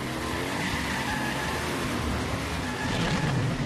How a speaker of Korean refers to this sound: 그렇게 나오신다면 슈퍼치타 트럭 전속력으로!